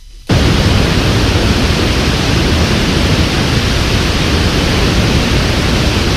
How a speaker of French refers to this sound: Voilà, ça c'est un bruit blanc. Vous allez me dire, mais quel est l'intérêt? Ça c'est une cascade. Non, c'est un bruit blanc. C'est un bruit blanc de 432 Hz.